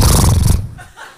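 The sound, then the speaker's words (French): A human voice imitates a horse: a loud, rough, fluttering blast lasting about half a second, which then drops away into quiet murmuring. “Je fais le bruit de cheval.”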